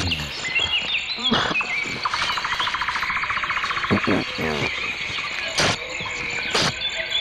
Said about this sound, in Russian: Да, ну вот слышите, я вот тут навеки запечатлелся в компании наших певчих свиристелей, дроздов, зябликов, жаворонков.